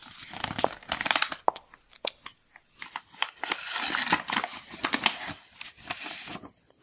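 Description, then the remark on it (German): A paper letter is unfolded: a run of crisp crinkles and rustles over nearly seven seconds, with sharp crackling bursts between softer shuffling and no voices. “Ah, ein Brief.”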